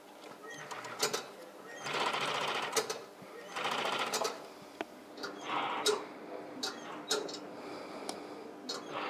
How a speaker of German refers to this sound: Dann folgt das sogenannte Strobeln. Die Strobelnaht verbindet Innen- und Außenseite des Schafts miteinander. Sie heißt tatsächlich nur so, weil die Nähmaschine von der Firma Strobel hergestellt wurde.